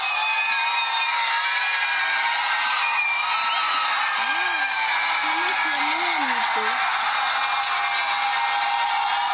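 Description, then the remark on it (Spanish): A dense wash of crowd noise outdoors: many people on balconies shouting and cheering at once while Argentina is playing a match, with a few louder whoops rising and falling over the steady roar. “Ahí están gritando en el balcón. Toda la gente gritando.”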